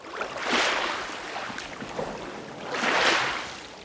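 A boat carrying quarried stone blocks moves through water, with two broad swishing surges of water washing past, like oar strokes or wake, against a steady watery hiss. No voices.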